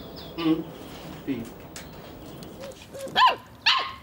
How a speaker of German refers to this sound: Durch sein Bellen drückt der Hund aus, wenn ihm etwas nicht passt. Oder wenn er uns etwas mitteilen möchte und sich freut.